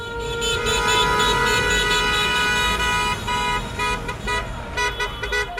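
Many car horns honk together in a busy street on the Cape Verde islands in the evening, as people celebrate the national football team's 0:0 World Cup result. A dense, continuous overlapping blare with some rhythmic bursts toward the end, loud amid crowd noise.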